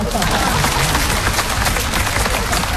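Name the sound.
audience applause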